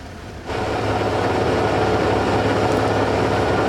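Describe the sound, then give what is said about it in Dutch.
Formula 1 racing engines fire up after a brief quiet moment and settle into a loud, rough, rumbling idle that holds steady to the end, with no voices. “Het rochelende geluid van Formule 1 motoren die stationair draaien.”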